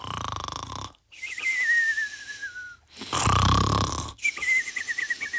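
Loud snoring from the ogre in the story of Pollicino, asleep because he is tired, repeats in two rounds, each a harsh rasping breath followed by a high, slowly falling whistle, separated by short silent pauses.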